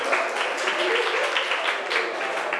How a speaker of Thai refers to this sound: เก่งมากปรบมือให้เพื่อนกลุ่มนี